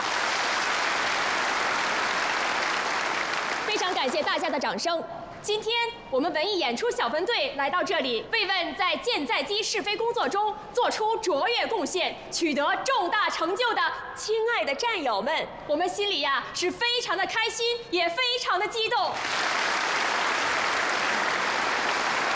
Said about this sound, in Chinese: 非常感谢大家的掌声。